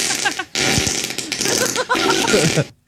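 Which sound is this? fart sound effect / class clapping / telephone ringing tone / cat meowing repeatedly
fart sound effect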